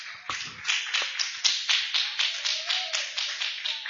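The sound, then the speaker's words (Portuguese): A church audience claps hands in praise of the Lord Jesus, in a steady, quick rhythm, roughly four sharp claps per second, loud and even throughout, with no voices heard. “Graças a Deus, louvado seja Deus, as palmas que louve o Senhor Jesus.”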